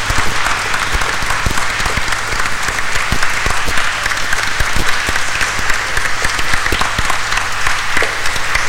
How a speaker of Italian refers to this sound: Ed ora anche noi come comunità vi facciamo un grande applauso per questi 25 anni.